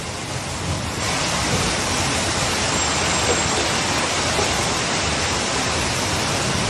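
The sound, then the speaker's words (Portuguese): A loud, steady roar of heavy rain and strong wind during a storm in São João da Pesqueira, Portugal, a dense continuous wash of noise with no let-up and no voices. “Vila de São João da Pesqueira, também atingida pelo vento e pela chuva forte durante o dia de ontem.”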